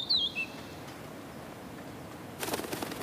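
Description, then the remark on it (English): A tiny pygmy flycatcher in natural beech woods around Lake Toplitz gives a couple of quick, high-pitched chirping calls at the start, then falls silent over a soft woodland hush before a brief rustling burst near the end. “The pygmy flycatcher loves the natural beech woods that surround Lake Toplitz.”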